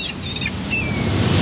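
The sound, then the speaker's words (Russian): Faint, thin seagull cries float above steady crashing surf and wind. A couple of short calls come through, partly buried under the constant roar of waves. “Чайки могут пить соленую воду.”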